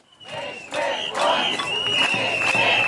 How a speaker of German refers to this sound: Nicht mit uns, rufen einige hundert Kita-Erzieherinnen und Eltern auf dem Alten Markt in Potsdam, als CDU-Bildungsminister Hoffmann den Kern des Gesetzes zu erklären versucht.